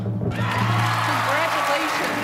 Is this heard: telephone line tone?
no